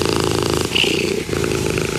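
A cat purrs steadily for a couple of seconds, a dense, rumbling, continuous purr with no talking over it.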